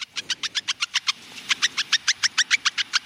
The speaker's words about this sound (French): Ok, ensuite on va écouter une souris.